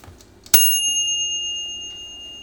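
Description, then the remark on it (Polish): A simple mechanical analog kitchen timer's bell, signalling that the food is done, strikes once with a sharp, bright metallic ding, then rings on with a high, shimmering tone that fades slowly. No one speaks. “Kiedy skończy się ten czas, to usłyszymy taki dźwięk.”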